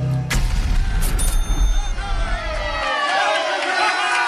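A loud, sudden blast opens into a heavy rumbling boom that rolls on for a couple of seconds, then gives way to crackling and whistling debris-like sounds as the roar cuts off.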